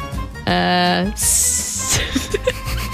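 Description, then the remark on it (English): In a word game, a voice imitates an animal's hiss: a steady, bright, airy hiss lasting under a second, right after a short sung-like vocal tone, with faint murmuring and small clicks afterward. “Hiss? Yes, and do hiss.”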